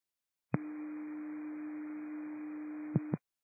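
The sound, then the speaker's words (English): A single steady radio dispatch alert tone holds for about two and a half seconds over a hiss of static, with a sharp click as it keys up and a couple of clicks as it cuts off. “At 7 Cascade, did you receive tones?”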